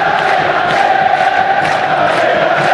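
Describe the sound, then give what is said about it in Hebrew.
A stadium crowd at a football match between Beitar and Be'er Sheva roars and cheers in a steady, loud wash of massed voices that fills the whole stretch without pause, with no single voice standing out. “יאללה, עוד קהל, התעורר.”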